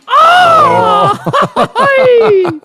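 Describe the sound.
A loud attempt at a mariachi grito: a sustained yell breaking into choppy, stuttering bursts, then a falling drawn-out wail that trails off, half-laughing and strained.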